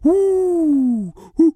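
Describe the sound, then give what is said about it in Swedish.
A person's voice imitates an owl, giving one long, loud, slowly falling hoot followed by a brief second hoot, with no other talking. “Så där låter inte ugglor. Inte? Nej, så här låter ugglor.”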